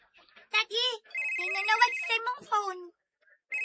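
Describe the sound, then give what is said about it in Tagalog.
A mobile phone ringtone plays, a bright electronic melody of short tonal notes and a sustained beep, lasting a few seconds with some voices in the background. “Ang ako ba ng phone? Ang ima rin, Dad, uy. Kay lahi man ang akong ringtone.”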